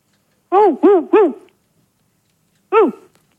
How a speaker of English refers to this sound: Oula. Je crois qu'ils ont un chien, dis-moi. Ils ont un chien. Ouais, mais enfin, c'est bizarre. C'est le chien qui a décroché le téléphone.